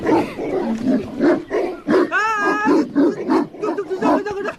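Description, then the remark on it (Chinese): Several dogs, including ones called Xiao Huang and Xiao Hei, bark at a stranger in rapid, overlapping bursts, roughly twice a second, with a high drawn-out whine or howl cutting in near the middle, in the countryside of Taizhou, China. “狗怎么就围攻我一个呀？”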